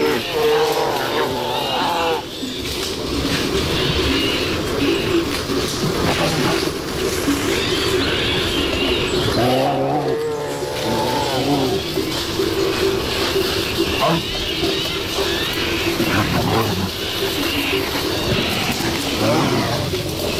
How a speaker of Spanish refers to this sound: Aquí escuchamos cómo una pareja de osos, un macho y una hembra, posiblemente en celo, están destrozando el monte.